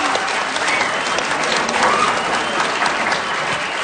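An audience applauds four students as they are introduced, a steady dense wash of many hands clapping at a constant loud level for a few seconds, with no one speaking over it.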